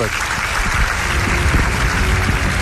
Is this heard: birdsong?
no